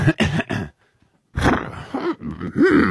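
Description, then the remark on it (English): A person imitates an elephant call: three short, loud throaty bursts, a brief silence, then a longer, strained wail that rises and swoops in pitch. “Can you give it what you would do if you were that elephant?”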